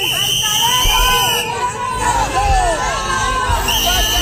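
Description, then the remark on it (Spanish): A loud, dense crowd boos, shouts and jeers continuously, with sustained shrill whistles piercing above the angry hubbub and rising, falling yells throughout. They are shouting "vendepatrias" at the minister as he arrives at the government delegation in Ceuta. “que son los abucheos, pitos y gritos de vendepatrias al ministro cuando llegó a la delegación del gobierno en Ceuta.”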